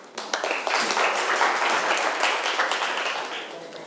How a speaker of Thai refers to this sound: ปรบมือให้ทุกคนปรบมือให้ทุกคนหน่อยนะครับ